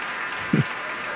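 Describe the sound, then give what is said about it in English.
Steady, dense applause from the audience and the seated orchestra members for pianist Evren Ozel, back on stage for a bow after playing Mozart's Piano Concerto No. 27. A continuous wash of many hands clapping at an even level, with one brief low thump about halfway through. “Evren Ozel back on stage for another bow, and I can say the members of the orchestra are seated and they are clapping, letting him soak it in all by himself.”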